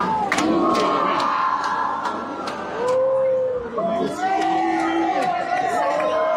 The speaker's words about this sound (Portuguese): Na saída, Alckmin foi recebido com aplausos e vaias.